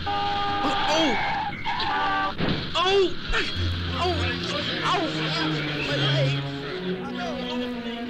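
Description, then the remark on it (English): A car's tires screech in a skid, followed by a sudden crash as it strikes a boy riding a bicycle, loud, with busy overlapping voices and noise around it. “Well, I was riding my bike when some car hit me.”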